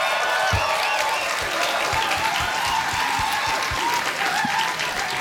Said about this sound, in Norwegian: Applaus!